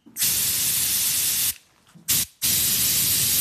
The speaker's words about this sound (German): Dieser Sprühstoß klingt etwa wie ein Pfefferspray klingen würde, wenn wir es wirklich sprühen würden. Man kann sich das so vorstellen wie bei einer Wasserpistole. Da kommt ja auch ein ganz fester Strahl vorne raus und so ist es auch beim Pfefferspray